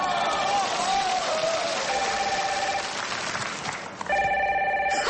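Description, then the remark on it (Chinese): A telephone rings with an incoming call from the speaker's dance partner, bright, repeating electronic tones, loud, over a steady wash of crowd noise that sounds like applause or audience chatter. “我舞伴给我来电话了。”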